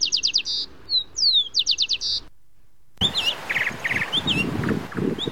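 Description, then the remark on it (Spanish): Five small birds chirp in quick bursts of high, bright notes, followed by a short silence and then a busier stretch of overlapping chirps and trills against a noisier background. “Aquí estamos, escuchando los pajaritos.”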